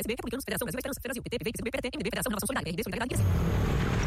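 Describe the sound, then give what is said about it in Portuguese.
A voice talks for about three seconds, then a loud motorcycle engine roars past, a rough, steady rumble lasting about a second. “Amor, ouviu essa moto?”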